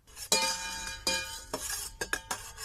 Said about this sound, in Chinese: 搪瓷缸子，铁勺子， 这老师在琢磨什么？